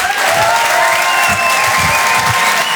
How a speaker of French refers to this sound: Le Rire et Chanson Comedy Club. Tout le monde, un tonnerre d'applaudissements, s'il vous plaît,